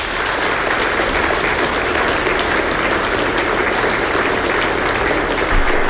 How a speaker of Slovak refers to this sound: Ešte raz poprosím veľký potlesk.